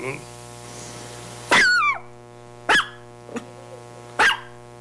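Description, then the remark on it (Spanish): A person imitates a dog as a greeting to a listener's dog, giving four sharp, loud barks spaced out over a few seconds, the first one longer with a falling whine, over a steady hum. “Pues ahí está el saludo para el perro, ¿no? Para que vea que también hasta los perros saludamos.”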